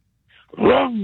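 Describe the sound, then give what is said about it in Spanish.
A voice imitates a rumbling truck muffler with one loud, growling, throaty roar lasting about half a second, its pitch swelling slightly then sagging, preceded by a brief faint breathy lead-in. “Y que retruene el mofle. ¿Cómo suena?”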